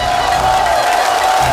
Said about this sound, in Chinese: 首先让我们掌声欢迎著名京剧演员王佩瑜老师。